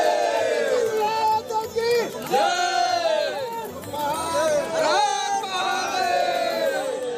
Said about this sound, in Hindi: देश भर से बाबा बर्फानी के दर्शन के लिए भक्तों का जत्था जम्मू पहुंच रहा है और आस्था की टोली के साथ बम बम भोले और महादेव का जयकारा भी सड़कों से लेकर पहाड़ों तक गूंज रहा है। बम बम भोले, बम बम भोले।